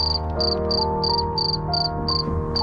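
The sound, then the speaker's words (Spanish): A cricket chirps in a steady, repeating rhythm, short shrill bursts coming roughly three times a second over a constant low droning hum in the background. “Cuentan cuántos cri-cri hace un grillo durante 8 segundos, intenta contar cuántos cri-cri hace un grillo durante ese tiempo, le sumas 5 y tienes los grados centígrados exactos que hace en ese momento.”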